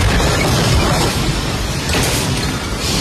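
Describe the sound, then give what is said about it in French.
Part of the ceiling at Caracas international airport in Venezuela caves in during an earthquake with a loud, sustained crash, a heavy low rumble mixed with clattering debris that roars steadily for about three seconds, with no talking. “Il a pu filmer l'effondrement d'une partie du plafond dans un grand fracas.”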